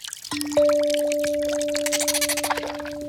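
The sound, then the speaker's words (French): Calls of Séraphin the dolphin with a steady, held tone over bubbling, splashing water and a busy scatter of clicks and drips, lasting about three seconds with no talking. “On dirait que j'entends Séraphin le dauphin.”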